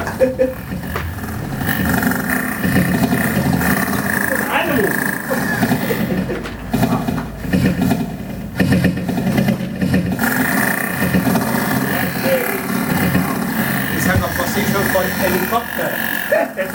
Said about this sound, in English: Helicopter. Yeah, sounds like it's broken. Yeah, from the top. It needs to be fixed.